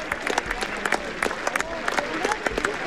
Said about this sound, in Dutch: 1 minuut 43 galmt er in een applaus van alle supporters hier op het park.